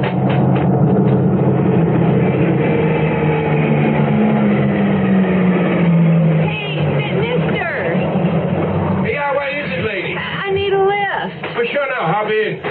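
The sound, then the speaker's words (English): A pickup truck approaching, its engine rumbling with a steady low drone that slowly drops in pitch over several seconds, then gives way to people talking. “Okay, It's a pickup truck.”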